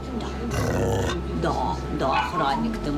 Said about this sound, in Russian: У першій кімнаті, де розташовані бокси з собаками та котами, нас зустрічає гучним гавкотом невисокий чорно-білий пес на колісному кріслі. Його задні лапи нерухомі.